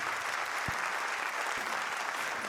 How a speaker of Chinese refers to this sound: 谢谢，感谢大家默默的掌声